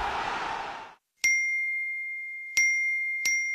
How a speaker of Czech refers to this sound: Čekaj, eksplodirat će mi telefon. Svi mi nešto javljaju.